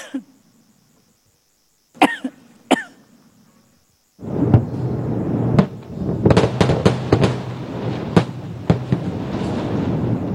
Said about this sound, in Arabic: هكذا بدت اللحظات الأولى لواحد من أضخم التفجيرات التي نفذها الجيش الإسرائيلي في جنوب لبنان، وتحديدا فيما وصفته وسائل إعلام إسرائيلية بمدينة حزب الله العسكرية تحت الأرض بالقرب من قلعة الشقيف.